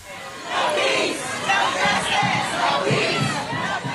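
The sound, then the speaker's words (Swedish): A large crowd protesting against the ICE migration police in the USA shouts and chants together in a steady, loud roar, voices rising in rhythmic waves with no single speaker standing out. “Nya protester mot ICE har brutit ut i USA efter att 2 män på olika platser i landet skjutits ihjäl av federal migrationspolis i sina bilar.”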